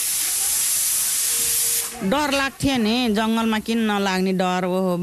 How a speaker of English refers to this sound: is cutting potatoes for dinner while a pressure cooker whistles.